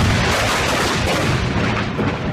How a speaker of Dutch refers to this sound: In 1654, een ontploffing van een opslagplaats voor buskruid in de binnenstad van Delft, leidt tot vele doden en grote schade.